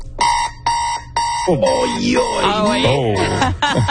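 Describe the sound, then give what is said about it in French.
An alarm clock, the kind with a big snooze button, sounds three quick, shrill electronic beep bursts in a steady rhythm, then voices break in and talk over the continuing alarm. “C'est l'alarme de mes parents, ça, quand j'étais jeune.”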